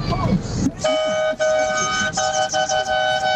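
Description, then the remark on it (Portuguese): Car horns honk on the Marginal highway in long, loud blasts, breaking off briefly and sounding again several times, overlapping into a continuous blaring chorus over a low traffic rumble. “Você imagina, os caras na Marginal buzinando lá.”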